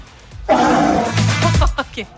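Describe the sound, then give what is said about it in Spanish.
A large sea lion on the walkway of the fishermen's cove in Maitencillo lets out a loud, raspy roar lasting about a second, followed by a few short, gruff barks trailing off, with no talking. “Lobo marino meteorólogo.”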